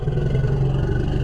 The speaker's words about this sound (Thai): อันนี้จะคล้ายๆลักษณะจังหวะของมอเตอร์ไซค์ที่ผ่อนเครื่องหรือแม้กระทั่งเริ่มสตาร์ทเวลาที่ช้างถูกผู้ล่าคุกคามก็จะส่งเสียงลักษณะคล้ายจังหวะคล้ายๆเสียงรถมอเตอร์ไซค์เหมือนกัน